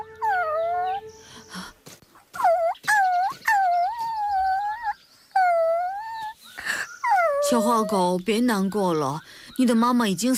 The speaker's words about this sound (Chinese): 只见不远处，一只小狗趴在已死的母狗边，嘤嘤啜泣，不忍离去。